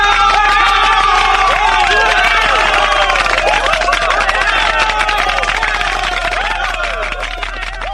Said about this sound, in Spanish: Un aplauso enorme para ellos, para todos ellos.